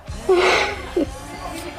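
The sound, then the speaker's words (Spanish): A mother cries, with a couple of short, wavering sobbing wails broken by breathy, shaky gasps, fairly loud over a faint background. “atención, por favor, se oye regular, pero es una madre que está llorando, ¿vale?”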